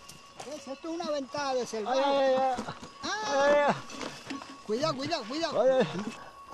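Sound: goats bleating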